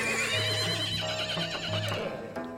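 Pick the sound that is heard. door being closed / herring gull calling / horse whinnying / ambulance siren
horse whinnying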